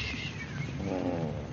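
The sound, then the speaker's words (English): A cat named Shakespeare purrs loudly and steadily, a continuous low rumble with a slight rhythmic throb that carries through the whole moment with no voices. “Let's darn some more socks. And don't purr so loud.”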